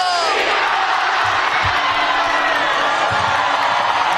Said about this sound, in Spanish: Ahí está, señores, el famoso tradicional grito. ¡Viva México! Miles de personas llegaron a la Ciudad de México.